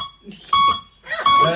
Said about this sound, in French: Ah, il parle comme ça? Comment ça marche? Un bip oui, deux bip non, putain.